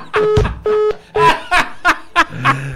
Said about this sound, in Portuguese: Rapaz, o telefone cai na hora que ele bateu o número. Como é que pode uma coisa dessa, meu Deus do céu? Ligue de novo, vizinho, ligue de novo. Nem conseguiu dar de manhã e agora caiu a ligação na hora do número.